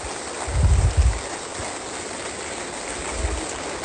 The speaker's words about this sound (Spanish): Por favor, si pueden pasar conmigo. Los recibimos con ese fuerte aplauso.